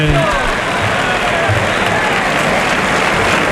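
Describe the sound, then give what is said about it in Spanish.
A large bullring crowd gives the picador an ovation after his third lance thrust, applauding in a sustained, dense wash of clapping that stays loud and steady throughout, with a low murmur of voices beneath it. “Y el piquero que se lleva a la ovación, claro, del la público.”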